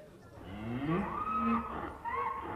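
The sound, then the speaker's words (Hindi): A donkey being tied up to one side brays in a drawn-out, rising call, briefly breaks off, then adds a shorter second bray, with no one speaking over it. “अरे यहां एक तरफ बांध रहे गधा, मुझे पादरी साहब के उपदेश सुनने दे।”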